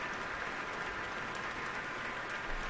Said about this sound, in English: And now all three have turned around once more to applaud in unison.